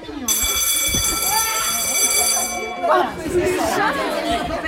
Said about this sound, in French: Donc là, il y a la sonnerie qui vient de sonner. Ça nous a éclaté les oreilles.